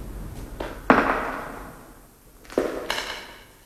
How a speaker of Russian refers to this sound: Это не эхо. Чьи-то шаги.